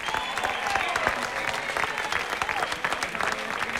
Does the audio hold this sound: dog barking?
no